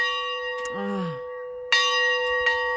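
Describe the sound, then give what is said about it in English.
The bells of Pastor Dave's church ring out in a steady sequence of strikes, each blending into a long, shimmering resonance that hangs between hits; a brief voice-like sound surfaces near the start. “You might know him from those famous bells that we have played every time we talk about his church.”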